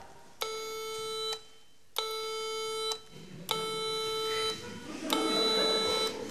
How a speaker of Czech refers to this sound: Já jsem ladička. A co pak umíš? Tohle.